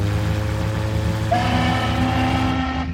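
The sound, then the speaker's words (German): A steamship horn blares from a steamer to starboard on a collision course, in one long, loud, unbroken blast, deep and droning, with a second, higher tone joining partway through to form a harsh chord. “Der Dampfer an Steuerbord, rechts, auf Kollisionskurs.”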